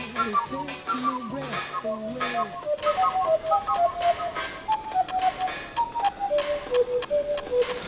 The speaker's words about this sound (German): Ich muss noch mal los, die Kuckucksuhr spielt wieder verrückt.